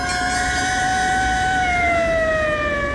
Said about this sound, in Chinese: 忽然，一队警车由远而近，呼啸着驶过街头。